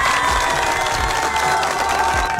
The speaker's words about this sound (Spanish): se merece otro fuerte aplauso, por favor.